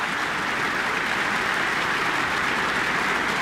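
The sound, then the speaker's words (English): A large audience claps steadily in the Michael Fowler Centre concert hall after a New Zealand Symphony Orchestra performance, as conductor Jim and Yu invites soprano Madeleine Pierard back on stage, a dense, sustained wash of applause at an even level throughout, with no voices. “Jim and Yu inviting Madeleine Pierard back on stage for another round of applause.”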